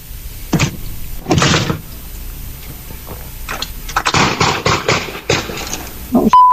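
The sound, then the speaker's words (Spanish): Several sharp, heavy gunshots crack out one after another, a couple spaced apart and then a rapid cluster, sounding harsh and slightly muffled, recorded by a surveillance camera installed on a house door, fired at an intersection near the house around 7:17 on a Monday morning, ending with a brief electronic beep. “Los disparos se escuchan en un video capturado por su cámara de vigilancia instalada en su puerta.”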